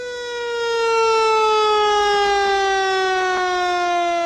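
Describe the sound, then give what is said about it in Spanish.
A fire truck siren wails steadily and loudly on its own, a single sustained tone that slowly drifts lower in pitch without any talking over it. “Ahí podemos pasar la sirena de bombero.”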